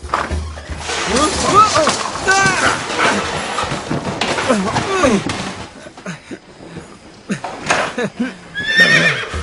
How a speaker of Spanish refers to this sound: ¿Un caballo? ¡Así es!